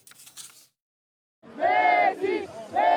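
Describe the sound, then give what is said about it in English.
A big crowd of Argentina football fans in blue and white at Dallas Stadium roars and chants for Lionel Messi at the World Cup, in loud, sustained bursts after a brief faint murmur and a short silence, voices swelling together in rising waves. “Dallas Stadium was a cauldron of noise and a sea of blue and white as fans saw Lionel Messi make more history for Argentina.”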